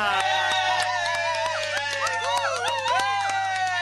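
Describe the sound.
Canned, recorded applause from a crowd, played to mark a character's return. Steady, dense clapping with sharp claps scattered through it, and excited cheering voices and whoops rising and falling on top, loud throughout.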